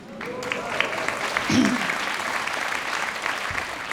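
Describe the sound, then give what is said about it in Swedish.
Steady audience applause for the jazz pianist of a trio, a dense wash of many hands clapping at even loudness throughout, with a brief low voice or murmur rising through it midway. “Och innan, ja, han kan också få en applåd.”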